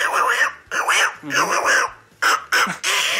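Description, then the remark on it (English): A voice does a squeaky, quacking impression of the cartoon duckling character Little Quacker in several short, bursty phrases with brief pauses between them, fairly loud. “That's Little Quacker.”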